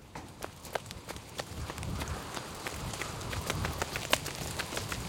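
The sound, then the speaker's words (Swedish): Quick, sharp footfalls of people running all the way back to the Yellow Castle in pouring rain, a steady rhythm of hard steps over a constant background hiss, moderately loud, with no talking. “Sen springer de hela vägen tillbaka till Gula slottet.”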